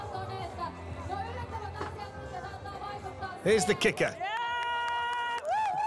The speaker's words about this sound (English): Bit of support from the crowd.